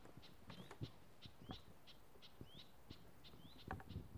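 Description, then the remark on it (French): Young birds in a nature reserve give a steady series of short, high contact calls, roughly two or three per second, fairly faint, with a few soft low thumps and rustles. “Là, comme c'est des cris de jeunes, en fait, même l'application, elle n'arrive pas à les reconnaître.”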